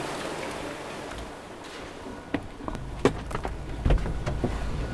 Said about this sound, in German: Carsten Brauer steigt in einen großen Transporter. Das Armaturenbrett knarzt beim Losfahren.